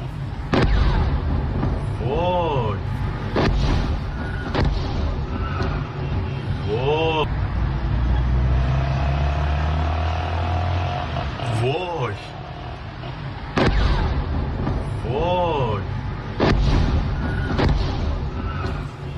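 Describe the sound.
Four to five loud explosions go off one after another during US strikes on Iran, filmed on a mobile phone from a balcony window, over a constant heavy rumble, each a sharp booming burst, with shouting voices rising between the blasts.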